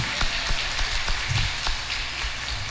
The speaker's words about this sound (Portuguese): E vamos aplaudir a vocação linda do sacerdote, né?